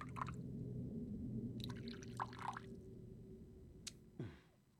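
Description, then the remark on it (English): Beluga vodka from Siberia pours into a glass, with a few trickling bursts and a bright clink of glass near the end, over a steady low hum. “Please, pour away. Beluga vodka from Siberia, using spring water purified three times.”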